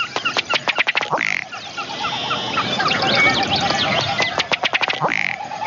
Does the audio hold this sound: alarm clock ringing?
no